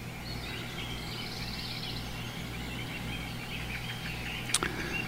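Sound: forest birds chirping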